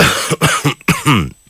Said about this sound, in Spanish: Uy, qué carraspera. Sí, es que está ahí andancio, alcaldesa, ahí andancio. Hay andancio, mucho andancio. Es el frío, la humedad de la lluvia que no estamos acostumbrados.